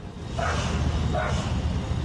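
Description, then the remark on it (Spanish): Two distinct barks from a dog searching the rubble of a collapsed five-storey building, about three-quarters of a second apart, over a steady low rumble of background noise, with no one talking. “El perro está ladrando.”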